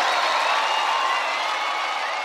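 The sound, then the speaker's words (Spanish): Steady, dense applause from an audience at the close of an evening performance, with scattered cheers and whistles mixed in, a continuous bright wash of clapping that holds at an even level throughout. “Fuerte el aplauso para esta noche maravillosa.”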